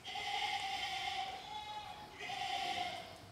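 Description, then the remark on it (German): Two long, wavering bleats from a goat or lamb in a stable, each a strained, nasal cry lasting over a second, separated by a brief pause, with a steady murmur of other livestock underneath. “Hier, das ist die Ziege, die uns gestern schon aufgefallen ist, die so schief guckt.”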